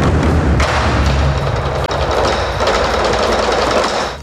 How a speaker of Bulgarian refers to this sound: По време на композицията «Суан Тян» 8 големи китайски барабана звучат едновременно.